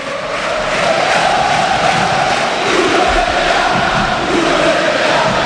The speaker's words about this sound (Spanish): Primeros gritos contra el presidente, que a todo esto Víctor sigue en el palco, ¿eh?